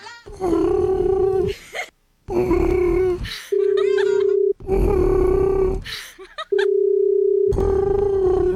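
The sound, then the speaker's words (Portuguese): A Japanese telephone ringback tone on a call to a truck driver in Japan: steady, low, buzzing single-pitch beeps, each about a second long, alternating with loud, throaty humming or groaning vocal sounds at a similar pitch. “Olha, até o toque, o barulho de chamar lá no Japão é diferente. Parece um pombo.”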